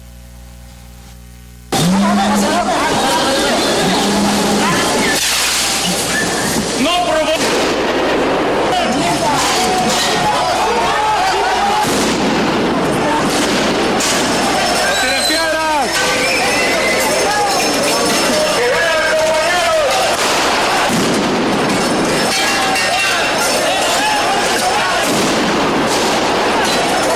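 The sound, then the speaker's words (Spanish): Firecrackers go off in repeated sharp bangs as CNTE teachers and Mexico City police clash on Avenida 20 de Noviembre in Mexico City, amid a loud, chaotic outdoor crowd din, with shouting voices and constant commotion throughout. “Maestros de la CENTE y policías capitalinos se enfrentaron a petardos en la avenida 20 de Noviembre.”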